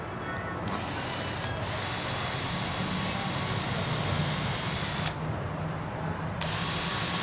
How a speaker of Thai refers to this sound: วิธีเจาะก็คือให้ตรงที่สุดเลยกดไปให้เต็มเลยนะครับแล้วก็ดันเข้าไป